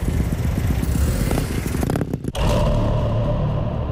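A loud car roars past right next to a police car on Aleja Zielenicka, its engine throbbing with a rapid low rumble, a brief dip as if shifting gear, then a steady, harsh roar heard along the whole street. No one speaks.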